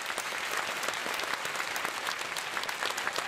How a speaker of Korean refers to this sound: 큰 박수로 환영해 주시기 바라겠습니다.